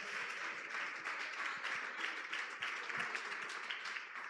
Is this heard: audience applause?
yes